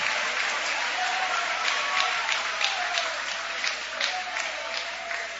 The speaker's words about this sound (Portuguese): Pode tomar o vosso assento, guarda a Bíblia com carinho e podem aplaudir a Deus também com alegria. Mais forte, mistura palmas com glória. Aleluia!